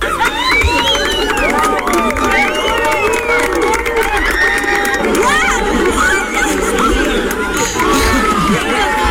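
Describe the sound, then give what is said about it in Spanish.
A large crowd on the city walls of Lugo erupts in sustained shouting, cheering and applause as a solar eclipse reaches totality, loud, with excited voices and whoops overlapping throughout. “Bueno, ya veis, gritos, aplausos, guaus, de todo.”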